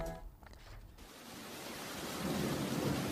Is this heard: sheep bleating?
no